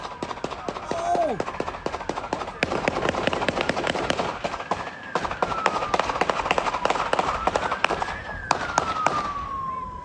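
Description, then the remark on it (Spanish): A rapid, sustained burst of gunshots, dozens of sharp cracks in quick irregular succession, with a steady police siren and muffled voices, in a shootout between police and a suspect in a Simi Valley neighborhood after his pickup truck crashed into an unoccupied police motorcycle, recorded by a UPS driver. “Las imágenes captan la persecución hasta que la camioneta del hombre se estrella contra una motocicleta policial desocupada, seguida por una ráfaga de disparos.”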